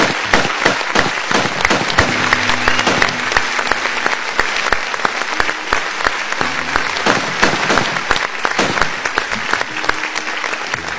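A crowd claps steadily and loudly for about eleven seconds, dense overlapping handclaps with a few sharper individual claps standing out, no talking over it.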